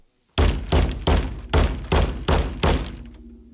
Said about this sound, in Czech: Jednou jsem dokonce od ní dostal po hlavě umělohmotným škopkem, kterým jsem měl podloženy nohy. Znělo to zhruba takto.